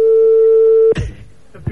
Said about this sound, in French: Pour l'instant, ça sonne sur votre portable.